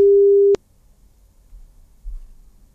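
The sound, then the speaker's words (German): A single steady telephone ringing tone, heard as a phone number is called from the radio station Radio Paradiso, sounds for about half a second, clear and fairly loud, then cuts off abruptly with a click, leaving only faint low background rumble. “es gibt eine Telefonnummer und ich bin gespannt, ob ich die oder denjenigen dort jetzt auch erreichen werde.”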